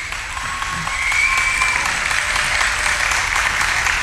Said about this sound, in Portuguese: Uma salva de palmas maior, muito maior, lá ao fundo. A malta lá ao fundo escapa sempre das palmas, mas eu vejo-vos.